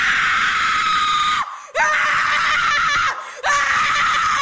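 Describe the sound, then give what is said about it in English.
A person screams loudly and at length as scream therapy, three sustained, intense shrieks separated by two brief breaths, with no talking in between. “How about scream therapy?”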